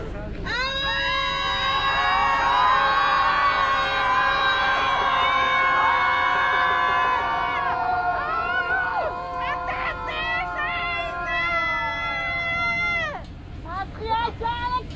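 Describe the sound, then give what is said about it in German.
A large crowd screams and yells together as a collective release of feelings, in one sustained, loud wave of overlapping voices, holding for several seconds before breaking into scattered shouts and cries that trail off near the end. “Nun darfst du im Kollektiv einfach mal rauslassen, was gerade in deinem Körper drin ist. Ein Seufzer, ein Schrei oder einfach weinen.”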